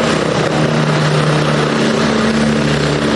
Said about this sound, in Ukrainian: Першим в епіцентр події прибуває гелікоптер ДСНС. Він зависає прямо над щоглами і за допомогою спеціальної лебідки десантує